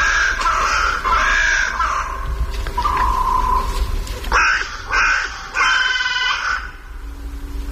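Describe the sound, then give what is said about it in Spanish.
Carrion crows waking at dawn in the trees flanking the Royal Palace on the Alameda del Medio Punto in La Granja, Segovia, caw in harsh, raspy bursts, several calls overlapping in two loud clusters with a brief lull between, over a steady low rumble and no talking. “Y aquí en los árboles que flanquean el Palacio Real se despiertan las cornejas, pues, de, a su manera, con esta voz cascada.”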